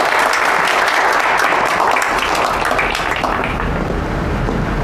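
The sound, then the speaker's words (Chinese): Sustained audience applause fills the whole stretch, a dense, steady wash of many hands clapping at an even loudness with no voices standing out, as chairman Liu Feng is invited to share on the heritage and innovation of internet people. “接下来呢，我们就请刘峰刘董跟我们分享一下互联网人的传承与创新，来，掌声有请。”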